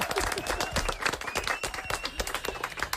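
An audience applauds steadily, a dense wash of many hands clapping at once, with a few faint cheers and murmurs mixed in throughout.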